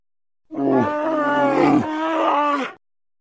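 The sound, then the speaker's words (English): A bear roars loudly for a bit over two seconds, a deep, harmonic, growling bellow that wavers and shifts pitch a couple of times before cutting off. No one speaks. “Hey, I knew it was a bear all along.”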